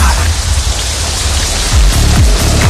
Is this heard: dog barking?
no